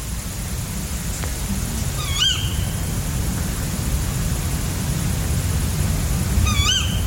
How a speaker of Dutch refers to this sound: Vannacht, woensdagochtend 5 augustus, hoorde ik rond 3 uur de roep van dit schorre bosuilmannetje hier in Keerbergen, in de buurt van Mechelen. Gevolgd door de contactroep van het vrouwtje.